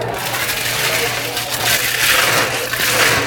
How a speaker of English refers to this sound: It's a blended drink. Okay. So we put some ice in the blender.